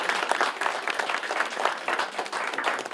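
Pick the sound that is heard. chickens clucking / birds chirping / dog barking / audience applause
audience applause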